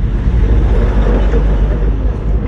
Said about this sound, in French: Nous sommes dans la voiture